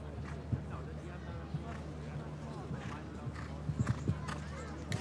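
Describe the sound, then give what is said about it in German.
Horse hooves clip-clop in irregular dull thuds, with a few louder hits clustered near the end, beneath a steady low hum and a man talking. Show jumper William Whittaker is riding the horse Millfield Quickstar through a clear, faultless round at a show-jumping competition. “Und letzte Woche in Belgien, in Lier, den großen Preis gewonnen mit diesem Pferd Quickstep hier.”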